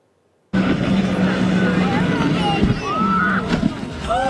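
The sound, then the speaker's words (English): A jet ski engine drones steadily on open water off Stanley Park, near Siwash Rock, with wind buffeting the microphone and faint voices calling out in the background. “We have more reactions this morning to the scary moment caught on video when a jet ski hit a gray whale that had just surfaced off the shores of Stanley Park.”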